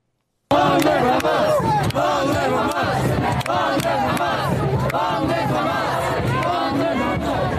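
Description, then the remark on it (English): A large protest crowd in New York chants loudly in unison, many voices shouting in a steady, rhythmic cadence that starts abruptly after a brief silence and continues without pause, dense. “That's last night, right here in New York. That is Mamdani's base. That's them.”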